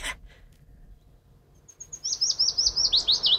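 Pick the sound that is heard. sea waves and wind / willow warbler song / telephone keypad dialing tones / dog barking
willow warbler song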